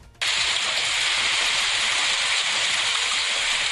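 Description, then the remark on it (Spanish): A dense, steady roar of heavy rain and small hail hammering down, starting abruptly and continuing without a break, with a scattered clatter of impacts beneath the hiss. “Mucha lluvia y mucha piedra, aunque no tan grande, pero bueno, el granizo, ahí está.”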